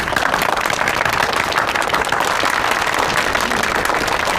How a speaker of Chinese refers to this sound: 鼓掌